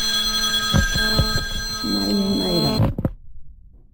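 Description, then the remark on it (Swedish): A telephone rings steadily with a bright, sustained electronic tone, accompanied by a few low thumps, then cuts off abruptly, leaving near silence. “Telefon ringer, du är populär dama.”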